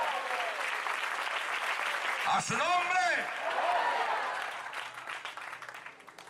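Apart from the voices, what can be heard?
audience applause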